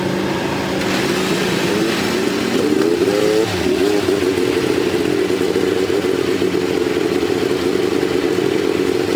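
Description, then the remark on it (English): A loud, dense roar of many race car engines firing up together at Indianapolis after the command to start engines, revving with rising and falling pitch sweeps over a constant rumbling drone, continuous. “Generations of the Holman George family on hand to give the command to start engines”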